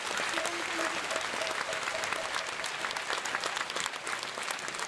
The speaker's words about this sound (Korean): 이어서 한국불교 태고종 총무원장님이신 수봉상진 큰스님의 치사가 있겠습니다. 사부대중께서는 우레와 같은 박수로 맞이해 주시기 바랍니다.